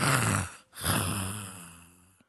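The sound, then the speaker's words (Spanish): A man mimics with his voice a church member snoring while asleep in church: two loud, raspy snore sounds, a short one followed by a longer drawn-out one that slowly fades. “Pero el hermano está roncando, dormindo en la iglesia, nem paga el hotel.”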